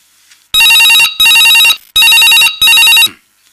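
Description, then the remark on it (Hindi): A telephone rings loudly, four sharp electronic trilling bursts in a double-ring rhythm, with short pauses between them and no one talking. It is an incoming listener call to a phone-in programme where an expert doctor gives advice. “प्रोग लगत कोई क्या फोन आते फोन ले लेते हैं डॉक्टर साहब।”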